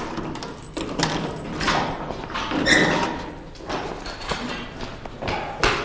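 A door is opened with a few dull thumps and clunks, moderately loud, over a steady background hiss; no one speaks.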